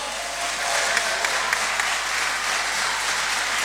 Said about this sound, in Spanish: Fuerte el aplauso, Zapa por dos. Este es el aplauso para ustedes.